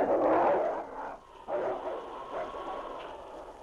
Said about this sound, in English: The pack closed in, but to their surprise and disappointment, the gray wolf refused to let them approach the boy lying on the ground. A chorus of angry growls arose from the pack.